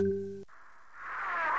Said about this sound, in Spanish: Después de la señal, déjanos un mensaje en WhatsApp.